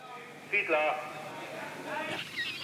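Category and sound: bird, seagull calls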